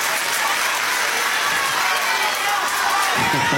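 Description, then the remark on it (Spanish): A concert crowd bursts into loud, steady applause for the band and crew, mixed with cheering and shouts, a dense wash of clapping that holds throughout without any single voice standing out. “Y quiero que uno de los primeros aplausos fuertes de esta noche sean para los chicos de la banda que me acompañan y para todo mi equipo.”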